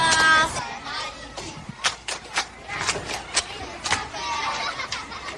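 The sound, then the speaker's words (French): A group claps in scattered, uneven bursts, with a few sharp, loud claps standing out over a steady wash of crowd noise and murmuring voices, applauding a person who has just spoken. “Applaudissez pour lui.”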